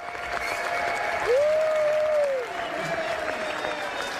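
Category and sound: crowd, prolonged standing ovation applause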